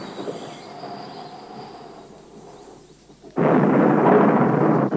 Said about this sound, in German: Das hört nicht auf. Das hört nicht auf. Oller Wind.